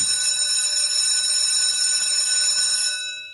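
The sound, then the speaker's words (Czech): A school bell rings loud, a steady metallic clatter holding for about three seconds before it cuts off and fades away. No voices are heard. “Tak, za několik minut přesně tohle začne zaznívat v mnoha školách.”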